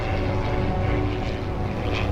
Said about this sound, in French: Soudain, un bruit là-haut attire son attention. Oh, c'est un avion ! Un avion !